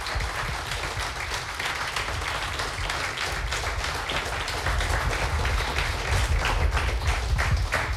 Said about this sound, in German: Noch einmal einen großen Applaus für alle Finalisten. Bitteschön.